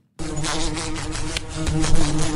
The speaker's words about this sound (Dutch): Dit is het geluid dat we kennen van de wesp die zo tegen het raam of tegen een lamp botst. Ja. Is dat niet het universele geluid dat van de wesp?